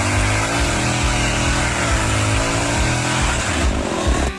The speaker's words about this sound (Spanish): Ah, está laburando con la motosierra. ¿Estará cortando leña para el frío? Claro, debe ser que está cortando leña en el monte, mira.